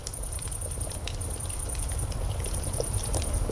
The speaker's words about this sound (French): Écoutez, c'est le soir, vous êtes assis autour d'un feu de camp. Un léger glouglou régulier, chaleureux, rassurant. C'est une cocotte qui mijote sur un feu qui crépite.